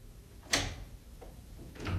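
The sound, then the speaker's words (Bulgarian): A few sharp taps on the glass of a window pane, one crisp knock followed by two softer, more spaced-out ones, with no talking over them. “Някой чука по стъклото.”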